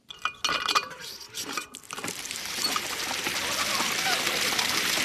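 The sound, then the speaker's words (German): A few metallic clanks and clicks from a hand water pump at a water play area in Stuttgart's Klingenbachpark, then a steady rush of water gushing and splashing, continuing without a break to the end. “Eine Wasserpumpe und ein Wasserspiel im Stuttgarter Klingenbachpark machen nicht nur den Kindern beim Spielen Spaß, sondern sorgen auch für eine willkommene Abkühlung.”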